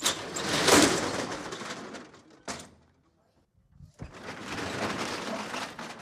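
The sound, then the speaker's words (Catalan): The metal roller shutter of the Rellotgeria Catalana watch shop on Carrer Cordereria in Palma is hauled up at 4:30 as the shop reopens after the midday break, with a loud, continuous rattling clatter, then a sharp clank and a brief pause before another thud and the grinding rattle resumes. “Acabau d'escoltar com s'aixecava la barrera de veres”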